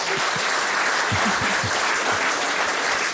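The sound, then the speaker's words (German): Sustained audience applause, a dense wash of clapping at steady loudness throughout, with no voices standing out over it. “Applaus, also von der Ostsee in die Welt, ne?”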